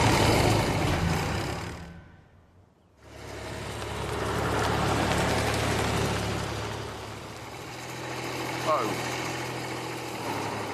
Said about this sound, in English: I then took one of his restored tractors for a test drive. Oh, it begins! Let's open it up.